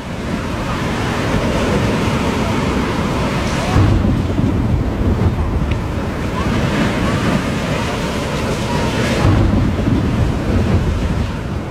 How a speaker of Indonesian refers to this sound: Perahunya demikian miring, sampai-sampai air laut menyembur masuk, keluar lagi, lalu masuk lagi dengan lebih hebat.